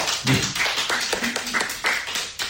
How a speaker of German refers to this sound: Ich bitte unsere anwesenden Gäste um einen Applaus.